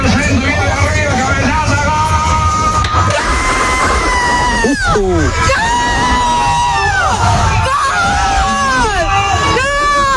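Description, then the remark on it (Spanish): A packed bus in Argentina erupts as the driver stops and passengers cheer, shout and yell together over Argentina's third goal, a loud, sustained roar of celebration, with overlapping voices and rising whoops filling the whole ten seconds under a low engine rumble. “Bueno, paró el bus para festejar el gol con los viajeros.”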